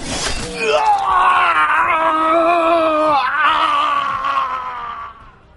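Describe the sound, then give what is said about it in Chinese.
A man lets out one long, agonized scream of pain, like a pig being slaughtered, echoing through a restroom; loud, his strained voice wavering for about five seconds before cutting off abruptly. “杀猪般的嚎叫传遍整个厕所，一瞬间周围所有人都安静了”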